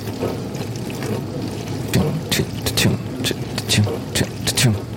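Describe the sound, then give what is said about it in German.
Water sprays and patters against a metal baking tray inside a running dishwasher in a kitchen, bursts of splashing returning each time the rotating spray arm passes, in a loose repeating rhythm over a steady low hum. “Und immer wenn der Arm an meinem Backblech vorbeikommt, prasselt das Wasser auf das Metall.”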